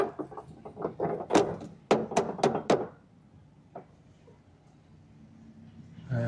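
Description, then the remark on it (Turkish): A series of wooden knocks on the door of the Koçanlı Köşkü mansion, first a quick irregular cluster, then four sharp, evenly spaced raps, followed by a single faint knock and quiet. “Kapıyı çalıyorum şimdi.”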